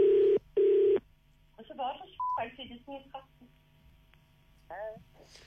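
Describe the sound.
Two loud, steady telephone tones sound back to back right at the start as a phone call is dialled, followed by a brief beep and muffled, indistinct voices on the line.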